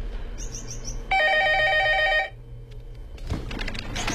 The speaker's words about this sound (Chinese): 哎，你得接电话呀。